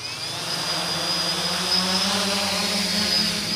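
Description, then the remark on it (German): A steady, high-pitched whir of rotors with a buzzing hum as two drones take off inside a huge cage 15 meters high, like a bird aviary, at the German Aerospace Center (DLR) in Braunschweig, Germany. The sound holds a constant loudness throughout, with no voices. “2 Drohnen starten in einem riesigen Käfig, 15 Meter hoch, erinnert an eine Vogelvoliere.”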